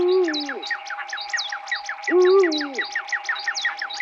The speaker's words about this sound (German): dem Uhu für die Vocals